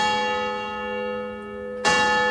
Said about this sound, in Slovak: Dal vyzváňať na kostolnej veži a jeho pomocník z celej sily vykrikoval.